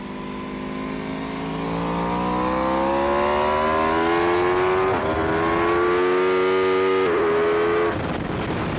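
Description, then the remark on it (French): An Aprilia motorcycle's V4 engine revs loud on a race circuit that has just dried, its pitch climbing steadily as it accelerates, with brief dips at two quick gear shifts made with a quickshifter, without the clutch, before winding up again. No one speaks. “Parce que oui, cet Aprilia, sa particularité c'est son moteur V4.”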